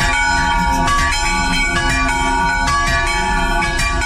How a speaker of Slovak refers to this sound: Teda stará sa o bezproblémový chod kostolných zvonov v Horovciach.